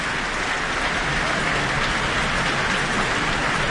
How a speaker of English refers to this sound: And we have Leonie Holmes coming to the stage to receive her very warm applause from the Auckland audience tonight.